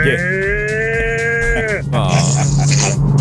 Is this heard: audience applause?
no